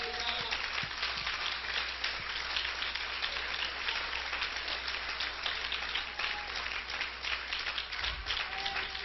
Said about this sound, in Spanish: ¿Cuánto le pueden dar un aplauso a Cristo?